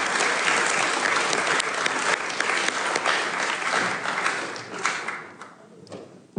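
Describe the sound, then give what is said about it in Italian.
A crowd applauds to welcome the director of Formedil of Udine, with dense, rapid clapping that holds loud for several seconds, then thins and fades toward the end. No one speaks over it. “per cui vi chiedo di accogliere con un grande applauso il direttore”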